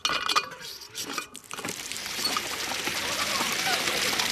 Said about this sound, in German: Eine Wasserpumpe und ein Wasserspiel im...